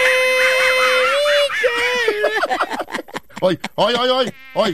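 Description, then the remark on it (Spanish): A person sings in a thin, nasal, buzzing whine that imitates a mosquito, holding a steady droning tone before breaking into quick warbling syllables, fairly loud. “Estoy yo cantando, no es un zancudo.”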